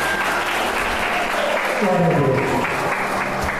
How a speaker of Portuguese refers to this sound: Aplauda o nome de Jesus.